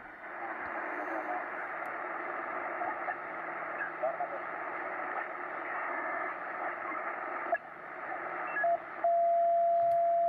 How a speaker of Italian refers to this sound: Qua c'è un fischio fisso, quindi potrebbe essere una broadcast.